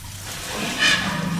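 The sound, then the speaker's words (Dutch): A steady stream of liquid splashing onto the ground as an elephant urinates into a small puddle, a continuous hissing patter with no voices. “Nou, dit is dan maar een heel klein plasje, maar die grote die drinkt zo af en toe, dan drinkt die 200 liter water op, bij wijze van spreken, zo aan elkaar.”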